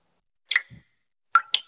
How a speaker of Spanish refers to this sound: ¿Y eso qué se oye? Ah, eso. Nada, que me gotea la ducha.